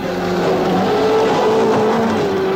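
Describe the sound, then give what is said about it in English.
A Rover 3500 car engine accelerates steadily, its pitch climbing as it revs up, loud throughout with a constant rumbling drone and no voices. “Slow down, Neville, there isn't a fire.”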